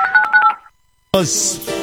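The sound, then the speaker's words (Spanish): A quick run of electronic keypad dialing beeps, about five short tones in a brisk rhythm, stops abruptly, then after a brief silence a louder voice-like sound takes over. “WhatsApp. Llamada telefónica”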